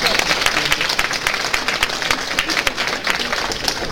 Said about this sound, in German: Einen riesen Applaus dafür.